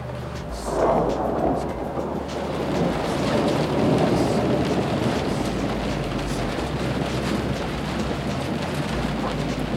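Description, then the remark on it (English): Steady rain hisses throughout while low, rolling thunder rumbles underneath, swelling briefly near the start and again midway before settling into a continuous stormy wash. No voices are heard. “I think when we stop seeing the lightning and the thunder, then we'll get waves.”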